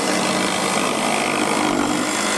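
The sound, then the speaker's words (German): A loud, steady roar of circular saws with harsh high-pitched grinding fills the whole stretch without a break, with no voices, at a huge open-air hobby workshop on the festival grounds of Ferropolis near Gräfenhainichen, Germany, where children and youths file, hammer and drill. “Diesmal kreischen da keine Gitarren, sondern Kreissägen. Es wird gefeilt, gehämmert und gebohrt.”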